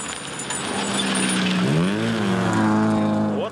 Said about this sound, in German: drückt auf einem entlegenen Feldweg ordentlich aufs Gaspedal. Ihr Auto ist eigentlich ein klarer Fall für den Schrottplatz.